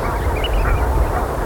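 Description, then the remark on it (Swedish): A flock of geese honks and chatters continuously, many overlapping calls blending into a steady, fairly loud din with no voices present. “för att vara gäss är det ändå ett ganska behagligt ljud faktiskt.”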